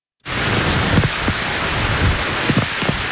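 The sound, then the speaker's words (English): Heavy rain from an approaching Category 1 hurricane pours on Hawaii's Big Island in a loud, steady roar that starts abruptly and keeps going, with occasional louder splashes or gusts of gale-force wind cutting through. No one speaks. “The storm, named Lala, strengthened into a Category 1 hurricane as it approached the island with drenching rains and gale-force winds.”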